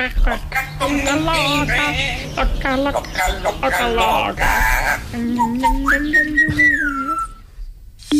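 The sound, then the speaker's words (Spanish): A parrot calls loud in a continuous run of warbling, bleat-like squawks and whistles, ending with a long, rising whistled note before falling quiet. “Venga, a ver, el loro, por favor. El loro y cerramos ya.”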